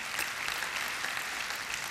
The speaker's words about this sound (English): God doesn't want you to be a better version of yourself. He wants you to be a new creation. Go ahead, give the Lord a hand and clap on that one.